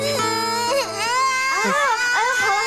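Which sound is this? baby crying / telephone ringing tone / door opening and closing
baby crying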